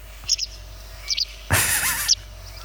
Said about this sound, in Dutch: Zullen we even het geluid erbij van de Kwikstaart?